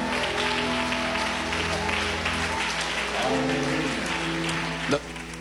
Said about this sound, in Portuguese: Então nós vamos recebê-lo como? Com tristeza ou com alegria? Então, com um aplauso bem forte para Jesus.